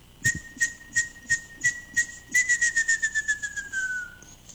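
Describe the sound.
Someone whistles an imitation of birdsong: one long, steady note that slowly slides downward, with a row of short chirps pulsing over it and quickening toward the end. Clear, with no talking.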